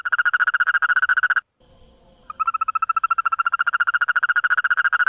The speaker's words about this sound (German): Dort haben Forscher gerade einen völlig neuen Mitbewohner entdeckt. Eine Froschart, die nicht nur hüpft, sondern auch singt, und zwar in extrem schnellen und hellen Tönen.